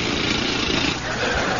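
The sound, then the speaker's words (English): A dental drill whirs loudly and steadily, a continuous buzzing motor drone that runs unbroken for the whole short stretch with no talking over it. “And now, drill, please.”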